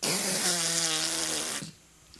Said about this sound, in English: Hey, hang on, I got to blow my nose.